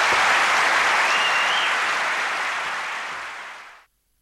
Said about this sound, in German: Begeisterter Applaus hier zu nächtlicher Stunde für Max Gold.